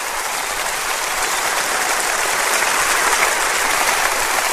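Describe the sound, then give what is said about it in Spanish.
A crowd of people applauds steadily for the Lord one afternoon, a dense, even wash of many hands clapping at once that holds at a constant loud level throughout, with no voices heard. “Dele un aplauso a nuestro Señor esta tarde.”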